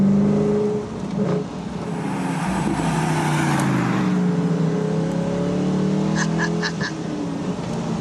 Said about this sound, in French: Alors on est là au volant de la dernière Morgane de l'histoire avec un V8 qui en aura plus. Et puis V8 Atmo. Écoutez-moi ça.